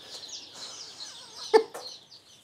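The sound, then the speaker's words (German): A busy chorus of high, thin peeping from many young chicks, with a few lower clucks and one louder squawk near the end, continuous. “Alle anderen Küken kommen morgen zu einem großen Biohof nach Usedom.”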